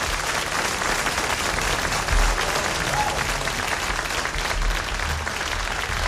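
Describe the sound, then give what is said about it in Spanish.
An audience at a club breaks into sustained applause for a singer being introduced, a dense, steady wash of many hands clapping at even loudness for several seconds, with no talking over it. “Quiero, por favor, que le deis un fuerte aplauso”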